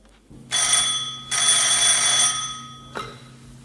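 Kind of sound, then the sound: household object, telephone bell ringing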